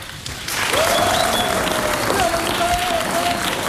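A room full of people bursts into sustained applause, dense clapping rising quickly and holding steady, with a faint cheer or whistle riding over the noise.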